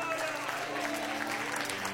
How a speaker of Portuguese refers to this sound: Tem alguém que pode aplaudir ao Senhor nosso Deus?